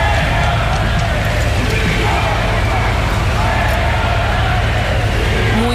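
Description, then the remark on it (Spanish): A large crowd boos and shouts insults at the Spanish prime minister as he arrives, in a loud, continuous roar, with overlapping voices yelling over one another and no break in the noise. “No evitaba, eso sí, los abucheos e insultos por parte de algunos de los asistentes.”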